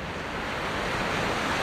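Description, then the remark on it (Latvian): A steady, rushing wash of sea surf breaking on the shore rolls on continuously with no distinct pauses, moderately loud, with a breathy hint of wind mixed in and no voices. “Kad es sēžu jūras krastā”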